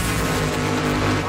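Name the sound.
engines revving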